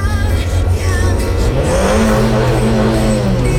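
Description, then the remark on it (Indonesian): Several heavy buses idle outside a bus terminal, waiting for passengers, with a steady, loud low rumble, and partway through one engine revs up, its droning pitch climbing. No one speaks. “Ada beberapa bus ya dalam satu waktu yang sama untuk ngetem di luar terminal.”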